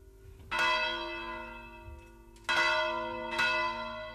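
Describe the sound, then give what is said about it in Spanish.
Church bells of the Torre de Virga ringing in a swinging peal, recorded in the 1970s, with three loud clangs at uneven intervals whose rich, overlapping overtones ring on and hum between strikes. No voices. “Rematamos temporada de Rian, como siempre, con este volteo de campanas de la Torre de Virga, la grabación de la Fonoteca de Radio Vitoria de los años 70.”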